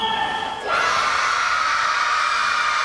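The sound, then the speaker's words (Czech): A crowd of children at an ice skating session in Holešovice, Prague, erupts in loud cheering and high-pitched shouting when asked whether they enjoyed their time on the ice, a brief quieter moment giving way to a sustained, dense burst of excited voices that continues to the end. “No tohle byla reakce dětí na otázku, jestli je předchozí desítky minut na ledě bavili.”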